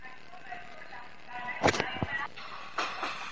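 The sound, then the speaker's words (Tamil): A passenger train that many people ride moves through a station with a steady broad rumble, broken by a few sharp clanks and bursts partway through, while faint voices murmur in the background. “இது என் ட்ரெயின் இல்லை, இது இன்னும் நிறைய பேர் போகிற ட்ரெயின்.”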